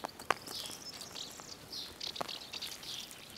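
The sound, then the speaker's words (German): Lesser kestrels call at a nesting colony under loose roof tiles on the top floor of old walls, a steady stream of high, thin, overlapping chirps and chatters, fairly faint, with a few sharp clicks near the start and no voices. “Anders als die meisten ihrer Artgenossen brüten Rötelfalken in Kolonien.”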